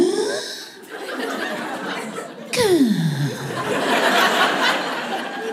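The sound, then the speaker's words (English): A voice imitates a weird, heavy breathing noise that a man makes instead of snoring while the speaker tries to fall asleep: long, raspy rushes of air with a whistly tone that slides downward partway through, fairly loud and continuous for several seconds. “He doesn't snore, but he does this weird breathing noise. So all I can hear is this.”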